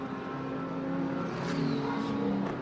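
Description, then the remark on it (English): Tom Dillman's race car engine holds a steady, loud drone with strong harmonic bands after a pit stop, then rises slightly in pitch and intensity as it fires off the pit limiter and accelerates. No one speaks. “Now, where is George Kurtz and Alex Quinn going to blend out as Tom Dillman gets ready to fire off the pit limiter?”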